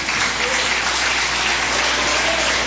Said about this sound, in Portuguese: Vamos receber o servo de Deus com palmas bem alegres para Jesus.